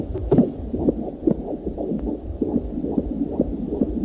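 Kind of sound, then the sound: medical sound, fetal heartbeat on ultrasound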